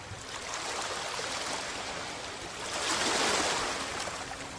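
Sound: ocean waves crashing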